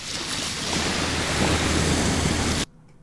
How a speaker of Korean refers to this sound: 아, 정말 이렇게 파도 소리만 계속 준비하면 어떻게 풀라는 겁니까? 자, 다 파도 소리가 날 것 같아요.